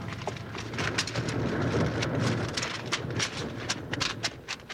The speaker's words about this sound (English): Hickok and Jingles, while they stood talking to the hermit of Split Rock Canyon, suddenly looked up to see a huge boulder hurtling down from the cliff above them. Started by the bank bandits, the big rock smashed down at them at tremendous speed.